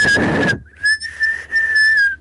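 A person whistles one steady, high-pitched note below 2000 hertz while trying to whistle 2600 hertz. The note is loud and held for about two seconds with a couple of brief breaks, starting under a short rush of breathy noise.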